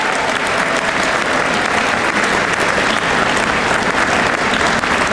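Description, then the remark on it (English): Steady, loud applause from an audience at an Honor Flight event, a dense wash of many hands clapping without pause for several seconds, with no voices rising above it. “Clap for that too.”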